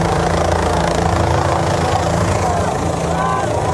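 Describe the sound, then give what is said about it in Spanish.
A loud, steady helicopter drone with a deep rotor throb fills the whole recording, continuous, while indistinct voices of a crowd shouting mix faintly underneath. “Lo único ahí raro, lo que se presentó fue lo del helicóptero.”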